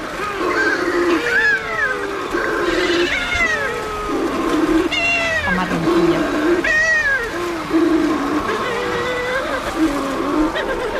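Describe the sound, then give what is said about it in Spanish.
Balearic shearwater calls, an endangered species breeding only in the Mediterranean, almost only in the Balearic Islands, here in the Cabrera archipelago: a dense chorus of overlapping, cat-like wailing cries that rise and fall in pitch, going on steadily at a fairly loud level with no talking. “donde tenemos también en el archipiélago de Cabrera un pariente, la pardela balear, que es una especie que cría solo en el Mediterráneo, casi solo en Baleares, está en peligro de extinción, tiene una voz aún más sutil.”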